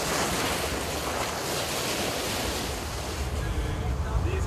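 Steady rushing of waves and gusting wind with low rumbling buffets against the microphone aboard a moving boat on open water, a boat once used to ferry prisoners to and from Robben Island, on a short trip from Cape Town; continuous and fairly loud.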